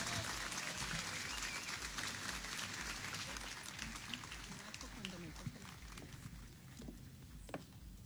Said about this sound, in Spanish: Recibamos con un fuerte aplauso a la primera presidenta municipal de Silao de la Victoria, Melanie Murillo. Adelante, por favor.